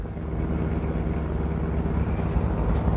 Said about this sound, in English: The best place I know for getting lost is the heart of the city, so we pile into my car and drive uptown.